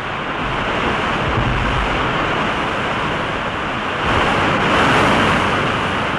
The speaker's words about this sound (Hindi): ये देखिए, इस नदी पर ये पहला निर्झर है यानी जलप्रपात।